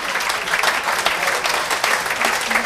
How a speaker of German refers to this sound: Einen Applaus, … und der ….